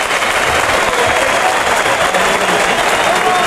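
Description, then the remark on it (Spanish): A large bullring crowd, on its feet, cheers and applauds bullfighter Roca Rey after his pass with the muleta, shouting "torero, torero", in a dense, steady roar of clapping and shouting that stays loud and unbroken throughout. “Y grito de torero, torero.”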